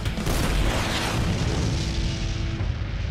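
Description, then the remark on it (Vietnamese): A loud steel cannon blast erupts into a sustained, deep roaring rumble lasting a few seconds, with a faint ringing tone near the end and no voices. “Nhận lấy Avon pháo thép.”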